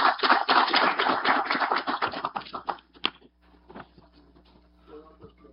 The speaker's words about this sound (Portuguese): Neste sentido, convido o nosso presidente de honra deste ato, que é o deputado estadual Rodrigo Moraes. Peço uma salva de palmas para ele, que ele sente ao centro dessa mesa.